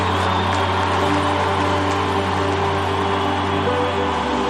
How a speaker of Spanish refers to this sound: Denle el aplauso al que reina y vive. Come on.